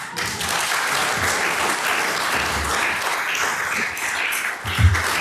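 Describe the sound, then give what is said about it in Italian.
An audience applauds steadily, a dense wash of many hands clapping at a constant, fairly loud level throughout, with a brief swell near the end. “ma il divertimento nostro e di chi legge questo libro, vi assicuriamo, è stato grande, e quindi meritano un applauso.”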